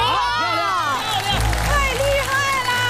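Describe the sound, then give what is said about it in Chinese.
A large audience cheers and applauds loudly and continuously, with excited shouts and whoops rising over a dense wash of clapping and crowd noise, after a performer doing a handstand shoots an arrow with her feet at a balloon. “这真是一箭成名，如果成功掌声继续。”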